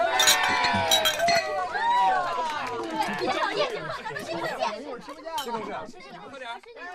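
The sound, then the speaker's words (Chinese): Glasses clink together in a toast at a department dinner amid lively group chatter, with several bright taps near the start and another later as voices keep overlapping around the table. “说清楚了，现在开始就好好玩，干杯。”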